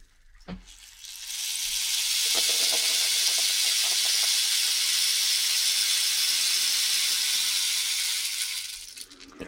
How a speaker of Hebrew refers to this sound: שבו גם מקל גשם.